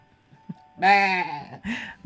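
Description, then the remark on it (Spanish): A sheep bleats twice: first a long, loud, quavering call with a nasal, wavering tone, then a shorter, softer bleat right after. No one speaks. “Sí, hay ovejitas también.”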